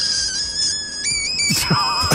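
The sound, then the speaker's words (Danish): A high, thin squealing call from a frog that has been puffed up and then released holds steady tones that jump in pitch in steps, then breaks into a rougher, noisier burst with falling whines near the end. No talking. “Det er sådan en frø, der er blevet pustet op, og så slipper man den.”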